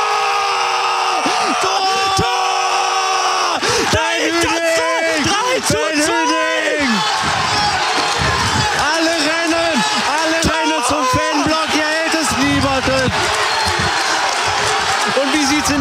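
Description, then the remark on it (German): A loud stadium crowd of Essen football fans roars, cheers and yells in celebration after a goal at a match in Duisburg, with pyrotechnics in the Essen block, many voices shouting and whooping over one another in a dense, sustained wall of sound. “Und hier jubeln alle Essener.”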